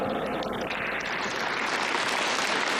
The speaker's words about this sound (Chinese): 谢谢，让我们再次响起热情的掌声，向所有的获奖代表表示祝贺，感谢大家为时代立传，请各位回席就坐。